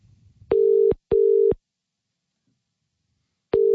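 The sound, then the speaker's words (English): A telephone ringback tone on an outgoing call to a listener in Canning Vale: a loud, steady double ring pulse, a pause of about two seconds, then the next double ring beginning. No voices, just the tone. “See if he picks up. It's ringing.”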